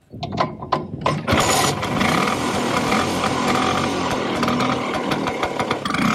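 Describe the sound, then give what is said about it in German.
A Vespa scooter engine sputters through a few quick revs, then settles into a steady, buzzy hum that holds at an even loudness to the end. “Was ist denn das für ein Moped? Ja, dieses berühmte Brummen feiert Geburtstag. Die Vespa wird 80 und zur Feier des Tages sind Fans aus der ganzen Welt mit ihren Rollern nach Rom gefahren, um an einer Vespa-Parade am Kolosseum mitzumachen.”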